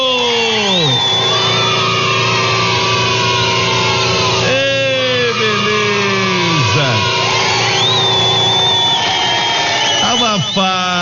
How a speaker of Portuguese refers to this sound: Ele tá usando, gente, um compressor de ar.